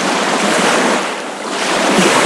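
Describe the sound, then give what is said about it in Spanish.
Outdoor recording at the shore of the Mar Menor lagoon: a steady, dense wash of water and surf with some wind, dipping briefly in the middle before swelling back. No voices. “uno de los paisajes sonoros que el colectivo Chicotrópico está empezando a construir a partir de los sonidos capturados este pasado fin de semana en el entorno del Mar Menor”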